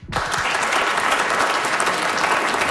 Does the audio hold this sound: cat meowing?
no